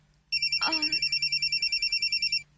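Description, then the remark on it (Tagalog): A phone ringtone for an incoming call trills in a rapid, steady pulsing pattern for about two seconds, loud, with a brief burst of voice or noise partway through. “Mananawag sa phone”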